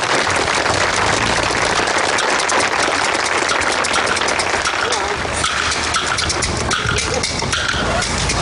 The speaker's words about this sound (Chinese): 来，掌声有请第一位。 掌声，谢谢。